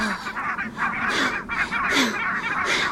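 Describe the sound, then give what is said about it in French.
A brant goose (bernache) honks loudly and repeatedly as it flies off, harsh nasal calls arriving in quick bursts over about three seconds, with no one talking. “Oh zut ! L'oiseau s'est envolé !”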